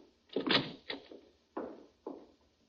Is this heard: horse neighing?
no